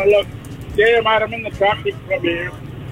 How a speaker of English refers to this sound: Sound like you're in your truck.